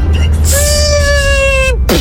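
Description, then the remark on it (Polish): A voice imitates a failing drone: a steady, buzzing hum holds one pitch for over a second, then sags and drops off, followed by a short falling whine over a low rumble. “odgłos psującego się drona.”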